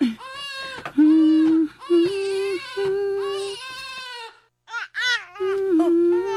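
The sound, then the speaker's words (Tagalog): A baby cries and fusses in loud, repeated wailing bursts with brief breaks while being carried by an aunt, whose low, steady humming sounds underneath. “Basi nuhilom na kung ako'y mukugos. Baby, dali ni auntie.”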